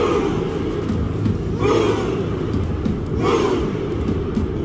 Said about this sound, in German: Sehr, sehr geiler Jubel bei der WM. Könnt ihr euch so vorstellen, alle Norweger sitzen auf dem Boden und machen dann diese typischen Ruderbewegungen und schreien Ruh.